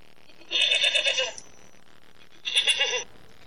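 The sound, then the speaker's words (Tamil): Two bleats from a sheep, the first longer and wavering with a tremulous pulse, the second shorter after a brief pause, clear with no talking. “சாதாரண செம்மறி ஆட்டு இனத்துக்கு எவ்வளவு பெரிய விசேடித்த இயல்பையும் பண்பையும் தேவன் வைத்து சிறப்பாக படைத்திருக்கிறார்.”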